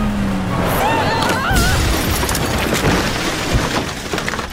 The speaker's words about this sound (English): You smashed his Benedito's house! Look at his kitchen!